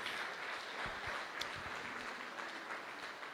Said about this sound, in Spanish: ¿Cuánto le damos ese fuerte aplauso al que vive por los siglos de los siglos?